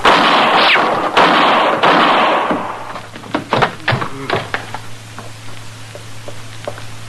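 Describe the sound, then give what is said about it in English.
A loud burst of gunfire opens a shootout involving Marshal Dillon, then a rapid, uneven string of sharp gunshots cracks out, some overlapping, before trailing off into scattered shots over a low steady hum. “You gonna shoot me in the back, Marshal?”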